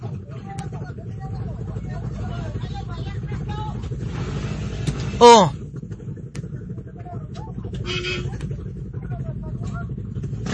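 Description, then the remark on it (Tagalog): A motorcycle engine rumbles steadily as it passes amid busy street traffic, with a brief sharp squeal partway through and people chattering in the background. “Okay, padaplin ang motor.”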